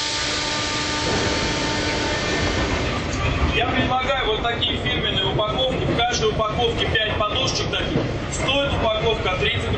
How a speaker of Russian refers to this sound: Московский метрополитен, 11 часов 20 минут утра. Перегон между станциями Коломенская и Автозаводская.